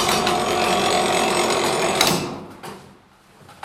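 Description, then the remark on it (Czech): A weight-driven tower clock mechanism, weighing about 100 kg and set on a sturdy oak stand, with no bells, works its striking train for a quarter, half or three-quarter hour: it whirs and rattles steadily for about two seconds, then stops with a solid clunk, followed by a couple of softer knocks as the gears settle. “Tak ten zvuk, který se slyšel, tak to by nám teďka odbilo vlastně čtvrt nebo půl nebo tři čtvrtě.”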